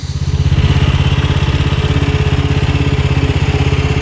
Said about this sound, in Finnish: Tätä pärinää kuullaan rannoilla lähinnä aamuisin, eli siivoushommat on tarkoitus hoitaa ennen kuin suurin osa rantojen käyttäjistä saapuu paikalle.